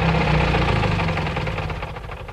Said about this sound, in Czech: A teď honem do auta. Kufry jsou naloženy, pan Kohák si stáhne klobouk do čela a radí se s šoférem. Auto jede smíchovskými ulicemi, až zastaví před krámem.